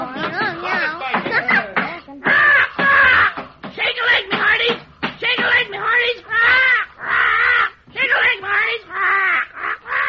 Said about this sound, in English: Quiet, you bloomin' dodo.